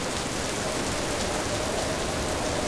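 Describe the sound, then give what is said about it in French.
Steady rain pours down with a dense, hissing patter of large drops striking a surface, even and continuous without pauses. No voices are heard. “Grosse goutte.”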